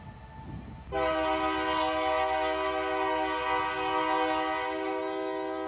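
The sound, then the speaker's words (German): A train horn blasts suddenly after a second of low rumbling and holds one loud, steady multi-toned chord to the end, with the rumble of the passing Crescent passenger train underneath, in the small town of York, Alabama, USA. “Hier im Örtchen York in Alabama hat unser Crescent freie Fahrt. Da muss der Güterzug mal warten.”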